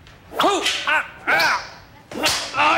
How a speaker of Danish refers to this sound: Og Frank kommer til ved et uheld at piske hende.